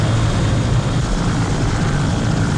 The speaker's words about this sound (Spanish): Ya al cabo, como el día 12, observé unos helicópteros sobrevolando.